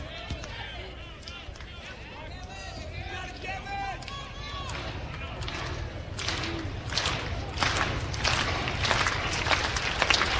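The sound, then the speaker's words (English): A large crowd at an Iowa Hawks baseball game roars steadily, trying to help pitcher Gavin through his first inning of work, with scattered shouting voices early on, then the noise swells into louder cheering and rhythmic clapping that keeps building toward the end. “Crowd trying to help Gavin through his first inning of work.”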